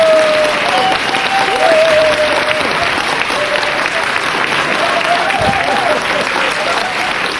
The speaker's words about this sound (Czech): Potlesk.